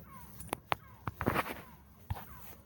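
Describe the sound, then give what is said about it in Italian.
Seagulls calling outdoors: a series of short, harsh squawks at irregular intervals, with a louder clustered burst in the middle, set against a faint background hiss. “Senti un gabbiani, dai, andiamo.”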